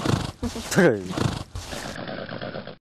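A restless horse named Xiaohei, during training, stamps its hooves and shakes its head, letting out a short, loud whinny early on amid scuffling movement.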